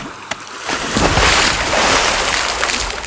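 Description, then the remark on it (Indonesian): A small stone is thrown into the sea with a short splash, followed by a rushing surge of water and waves that keeps churning loudly. No one speaks. “Kalau begitu saya akan lempar batu kecil ini di laut.”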